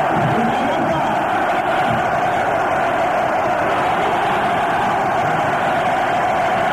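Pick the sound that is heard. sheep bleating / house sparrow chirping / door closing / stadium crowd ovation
stadium crowd ovation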